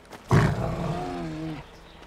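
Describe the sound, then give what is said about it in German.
A bear lets out a single loud roar that bursts in abruptly, then holds as a rough, throaty growl for about a second before cutting off; no one speaks. “Lass den Bären dabei nicht aus den Augen.”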